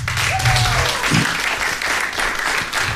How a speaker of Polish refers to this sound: wielkie brawa.